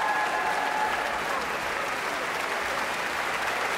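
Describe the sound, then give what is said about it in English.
A large concert audience applauds steadily, dense clapping with a few cheers and whistles near the start, sustained and fairly loud, cheering composer Jennifer Higdon on stage after the Philadelphia Orchestra under Yannick Nézet-Séguin played her Concerto for Orchestra; musicians drum their feet and tap their stands with bows. “A big cheer for composer Jennifer Higdon, who has joined Yannick and the orchestra on stage.”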